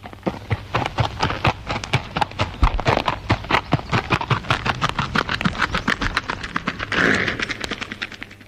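Horse hooves clip-clopping in a steady, brisk rhythm, a long run of sharp hoof strikes that continues throughout, with a brief rushing swell of noise near the end.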